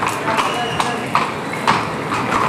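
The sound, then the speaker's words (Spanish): A horse's hooves clip-clop at a slow, even walking pace, about six crisp strikes, over a steady background murmur, as the horse Bronce leaves the bullring stepping backwards. “Y ahora va a salir de la plaza con el paso atrás.”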